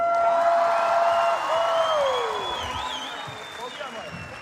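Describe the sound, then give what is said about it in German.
A crowd applauds loudly and steadily as a live band is introduced. Shrill whistles and cheers rise over the dense clapping before it gradually eases off. “Bitte riesen Applaus!”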